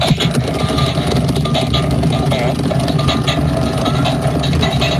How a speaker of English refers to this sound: You squeeze it. It makes farting sounds. And not even really good ones either.